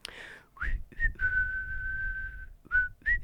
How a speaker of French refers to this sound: Bon, il ne savait pas bien siffler le jardinier, mais il le faisait quand même parce que ça lui plaisait.